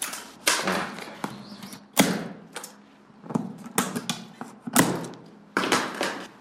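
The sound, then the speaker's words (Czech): Scissors snip and slice through the seals of a large blue box holding school-leaving exam tests, on a table in a school staff room: a series of sharp, crisp cuts and clacks at an irregular pace, with scraping and rustling in between. No one speaks. “Máme ostré nůžky, doufám.”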